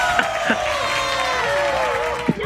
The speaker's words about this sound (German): Was waren das im Hintergrund? Meine Frau. Jubeln alle mit. Ja, das war so schön für die Familie.